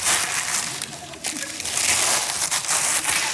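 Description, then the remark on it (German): Loud crinkling and rustling of newspaper used as gift wrapping being crumpled, a continuous crackly texture with brief pauses, no voices over it. “Warte, das Papier brauche ich nicht da.”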